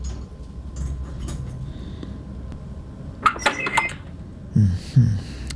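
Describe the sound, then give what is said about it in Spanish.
A quick cluster of metallic clicks and rattles, like a lock being worked, followed by a couple of dull thumps as a door opens, with otherwise quiet surroundings. “Bueno, entonces abre la puerta.”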